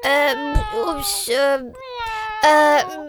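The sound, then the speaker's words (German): A cat meows repeatedly, several drawn-out, tonal cries in a row with short gaps, fairly loud, with no talking. “Ist zufällig die Katze in deiner Liederkiste eingesperrt?”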